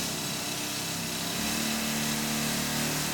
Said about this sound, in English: because the rock tools we were using were when we used to use air-leg mounted rock drills... They were pushed in by what we call an air leg, a pusher leg. 4 or 5 or 6 hours a day, depending on what you were doing.